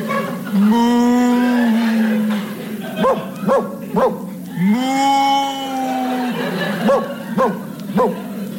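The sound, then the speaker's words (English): A voice imitates a cow being worried by a sheepdog: two long, drawn-out moos, each followed by a burst of sharp, yapping barks, loud, repeating in alternation. “That's a cow being worried by a sheepdog.”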